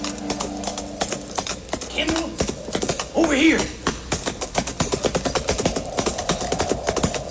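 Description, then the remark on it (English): Rapid, steady hoofbeats of a galloping horse clatter throughout, fairly loud, with a brief higher-pitched cry rising over them midway. “Slim's horse easily outdistanced mine, and by the time I reached the first slopes, the cowboy had disappeared into a canyon.”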